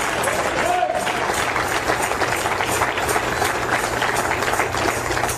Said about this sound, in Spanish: Alabado sea el nombre del Señor Jesucristo. ¿Cuánto le dan palmas de alabanza al Señor, hermano? Cristo vive.